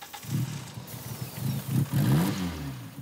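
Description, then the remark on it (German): A car engine, given starter spray, cranks and catches, sputtering into a rough, uneven idle with irregular low chugging pulses before revving up briefly, fairly loud. “Der Motor springt an.”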